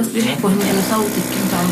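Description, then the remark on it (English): A vacuum wound dressing machine treating an injured child whirs steadily, a continuous mechanical drone running beneath a person's voice talking over it. “Amid the sound of a vacuum dressing machine, her mother, a school teacher, encourages the girl to tell us what happened.”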